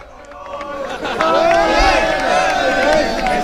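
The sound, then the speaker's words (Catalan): Players and fans of Castellón, mixed together on the pitch at l'Almenar, chant and shout together celebrating the club's promotion in a loud, sustained roar, with overlapping wavering melodic lines rising above a dense babble that swells after the first second. “Ho escolteu en directe en el punt a punt, els cantis de jugadors i aficionats del castellonense.”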